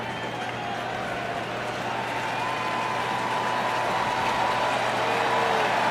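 A large baseball stadium crowd roars and cheers in a steady, dense wash of noise as pitcher Ashcraft looks in before a full-count 3-2 pitch to Jake Bowers. It holds loud throughout, with faint whistles and shouts rising above it; no clear speech stands out.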